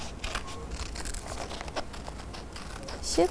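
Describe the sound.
Scissors cut through paper up close, a steady run of crisp snips and papery rustling and crinkling, with a brief voice sound near the end.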